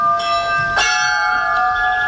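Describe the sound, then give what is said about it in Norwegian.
Church tower bells ring out with sustained, overlapping metallic tones, a fresh strike landing partway through and blending into the lingering hum. No one speaks. “Når den flunka nye skolen i Sør-Fron åpner til høsten, skal miksen av klokkene høres hver dag som skoleklokke.”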